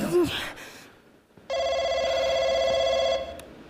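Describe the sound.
A brief voice, a pause, then a telephone rings with one steady, electronic, mid-high tone held for under two seconds before cutting off.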